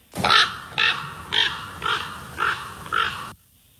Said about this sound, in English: Think of Edgar Allan Poe. Oh, ravens.